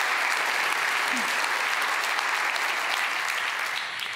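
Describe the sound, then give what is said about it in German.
Steady, dense audience applause, many hands clapping at an even loudness for the full length, easing slightly only at the very end. Nobody speaks over it. The applause greets a film's co-producer. “Dein Applaus.”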